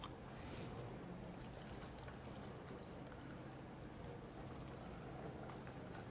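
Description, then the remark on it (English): Water pours steadily into a blender, part of 2 liters of water being added for a recipe, a continuous splashing rush that holds at an even loudness for several seconds with no talking. “Next, we're gonna add in 2 liters of water.”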